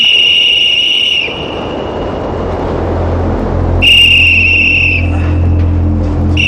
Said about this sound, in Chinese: 哎妈，吹哨了，是不是要放饭了？